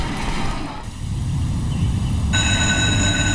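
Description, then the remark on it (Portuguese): A metro train rumbles steadily along the rails with a deep, continuous roar, and partway through a high, ringing whine rises over the noise as the carriages run past. “Para aqui e apanho o metro.”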